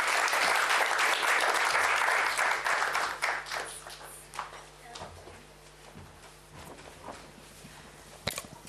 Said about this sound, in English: Can we have one more round of applause for her, please?